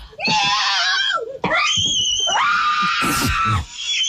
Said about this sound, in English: Why is this family screaming like this?